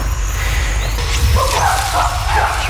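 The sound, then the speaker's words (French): Chimpanzees scream while hunting colobus monkeys, shrill overlapping cries rising and falling in the second half over a steady low rumble of background noise. “Et là, on entend les chimpanzés qui crient à gauche et à droite.”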